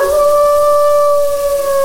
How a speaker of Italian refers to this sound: Fra l'altro il nostro lupo ci dà anche un bel ululato da cacciatore.